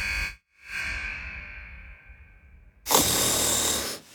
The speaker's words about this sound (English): Is snoring keeping your house awake? It might be time to check for sleep apnea.